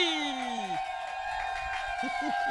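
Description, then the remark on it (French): An audience cheers and whoops loudly as the next performer is introduced, a dense continuous roar of many voices with high shouts rising above it, sustained throughout. “Vous êtes un public incroyable et je vais vous demander de faire autant de bruit, même un triomphe intersidéral pour la personne suivante.”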